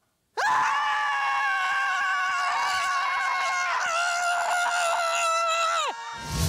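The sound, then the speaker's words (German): Several voices at a scream club in Kiel, Germany, scream together in one loud, sustained outburst lasting about six seconds, their overlapping pitches wavering before the yell breaks off and a few voices trail into a brief shout. “Dort hat unsere Reporterin … das Schreien in der Gruppe getestet.”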